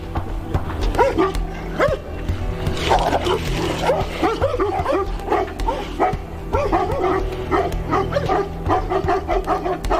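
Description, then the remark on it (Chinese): Three dogs bark loudly and almost continuously at an adult male Tibetan brown bear, about 2 metres long, in a village. The barks overlap in rapid, agitated bursts with yips mixed in, over a steady low rumble in the background. “由于这头西藏棕熊的体型比猛犬要大3-4倍，所以三条犬的轮番攻击丝毫不起作用，他们只能眼睁睁地看着这头熊大快朵颐。”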